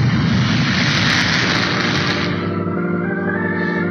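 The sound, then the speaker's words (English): A fighter plane's engine roars loudly in a steady, buzzing drone as it buzzes low over ships, then loses its brightness and drops lower in tone as it sweeps past. No voices are heard. “Now, what do you say we buzz those ships one more time before we go in?”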